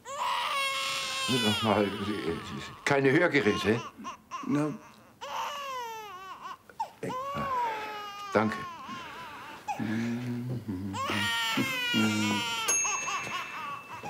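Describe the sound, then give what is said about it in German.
A baby cries loudly in repeated wailing bursts with rising and falling high-pitched harmonics, while an adult speaks a few brief words between the cries. “Schreien kannst du.”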